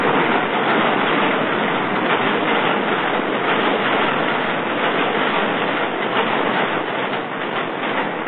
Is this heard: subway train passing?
yes